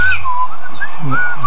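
A yellow-billed common blackbird sings on a calm spring evening: slow, fluting whistled phrases that slide up and down in a mellow mid-high pitch, with short pauses between notes and a faint low murmur beneath.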